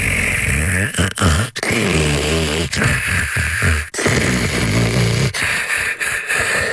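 Loud, rough snoring fills the stretch, a series of rasping, low, rattling snores with brief gaps between breaths and no talking.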